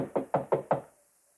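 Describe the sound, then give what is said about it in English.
Four firm knocks on a wooden bedroom door in an even, quick rhythm, fairly loud, followed by a brief quiet decay. “Better knock harder.”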